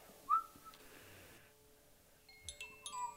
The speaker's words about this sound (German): Er hört ein Geräusch. Und denkt, es kommt ein Tiger, der ihn fressen möchte. Aber es war nur ein Vogel.